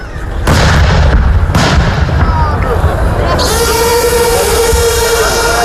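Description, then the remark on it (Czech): Two heavy artillery blasts boom out about a second apart over a constant loud rumble during a military exercise, then a sustained roaring, engine-like drone takes over and continues to the end. “topništvo, logistička potpora, znači to je cijela priča jednog borbenog rasporeda u obrani.”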